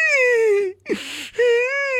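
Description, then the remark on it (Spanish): A child cries in two long, wavering wails, broken in the middle by a sharp, noisy sobbing intake of breath; loud and with no other sounds around it. “El niño llorando.”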